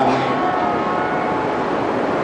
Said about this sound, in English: I'm going to compete with the train here, or maybe I should just let the train do its thing.